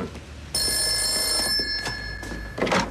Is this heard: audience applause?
no